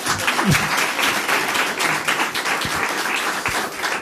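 A crowd applauds a participant steadily, a dense wash of many hands clapping at a constant level, with a few brief lower voices or cheers mixed in underneath.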